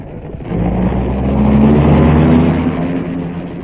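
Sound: car engine driving away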